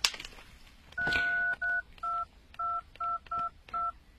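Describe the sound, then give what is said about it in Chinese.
A string of phone keypad tones as a phone number is dialed: seven short dual beeps pressed in a quick, slightly uneven rhythm, clear, with a brief initial click and no talking. “你有他的电话吗？ 我看一下啊。”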